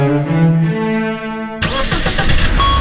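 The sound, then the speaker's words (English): A car engine cranks with a steady whirring starter, then abruptly catches and roars to life, settling into a loud, rumbling run. “Love your engine? Choose quality fuels with Shell.”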